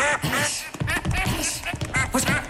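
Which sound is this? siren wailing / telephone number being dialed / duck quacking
duck quacking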